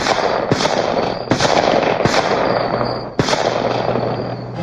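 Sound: gunshots fired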